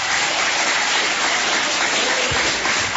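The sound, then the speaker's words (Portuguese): An audience claps steadily, a dense, continuous wash of many hands at a loud, even level for the whole stretch, with no voices standing out. “Quem tem esta paz pode bater mais palmas, dar glórias.”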